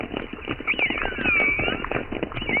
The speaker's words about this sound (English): Yes, minke whales sound like plucked strings. I've got some choruses which are interspersed with orca whistles.